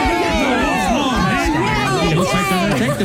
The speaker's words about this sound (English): Oh, I love to hear all the cheers from the crowd. And there's already so much excitement now.